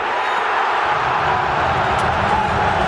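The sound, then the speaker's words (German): A stadium crowd cheers in a loud, steady roar, a dense wash of many voices holding at the same level for the full three seconds with no single voice standing out. “Was aber immer bleibt, ist der Jubel.”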